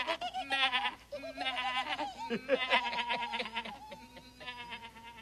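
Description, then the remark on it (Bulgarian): Several young goats bleat as they are let loose into the fields, their wavering, high cries overlapping almost continuously and loudly for a few seconds with no one talking. “Бързо скачайте, козлета.”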